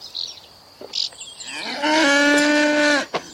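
A cow lets out one long, loud moo, a drawn-out bellow lasting over a second, preceded by a few faint scattered noises in an otherwise quiet setting, while a soldier in a headscarf milks it.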